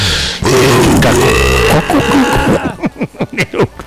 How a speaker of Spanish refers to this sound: Eructo horrible. Ya, perdónenos, por favor.